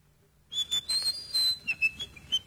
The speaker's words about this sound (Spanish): ¿Qué estás silbando, amigo? Una panterita y eso, de las de antes.